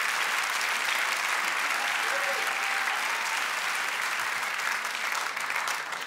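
Sustained audience applause, a dense, steady wash of many hands clapping at an even loudness throughout, with no voices standing out.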